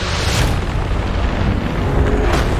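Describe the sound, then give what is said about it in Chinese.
Loud, deep rolling thunder from a thunderstorm over a low-altitude plain rumbles steadily throughout, with two sharper cracks breaking through near the start and again near the end. No voices are heard. “电闪雷鸣让遁甲龙变得越发慌乱。”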